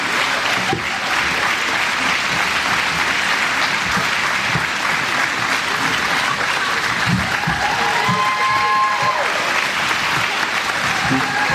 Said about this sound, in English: Can we give these kids a round of applause?